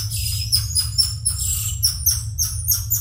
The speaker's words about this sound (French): Ce petit cri strident, voire sifflant, est celui du tamarin lion. Un primate qui fait partie de la famille des Calitrichidae, comme le Ouistiti, à savoir un petit singe de moins de 30 cm et pesant en moyenne 500 grammes.